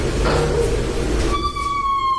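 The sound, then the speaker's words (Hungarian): A door creaks open: a low scraping rumble gives way to a long, high, tonal squeal of a hinge that slowly drags downward in pitch, fairly loud. “Aha, egy jó ajtónyikorgás.”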